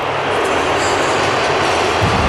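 A huge crowd at Hard Rock Stadium in Miami, with many Colombian fans, roars steadily, with shrill whistling woven through the dense wall of noise as fans jeer the Portugal national team taking the field for warm-up. No one speaks clearly over it.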